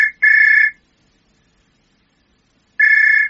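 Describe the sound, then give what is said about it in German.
A myna bird mimics a ringing telephone: two quick, bright trilling bursts, a pause of about two seconds, then another burst, loud, with no voices. “Da wird sich deine Tante aber freuen, wie echt sich das Telefongeräusch angehört hat.”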